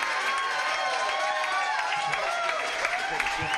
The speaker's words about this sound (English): How about a big round of applause for bass hitter over here on the bass tonight?